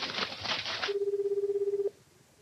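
A quick burst of clattery phone dialing gives way to a single steady, warbling electronic ring tone lasting about a second, fairly loud, with no one speaking.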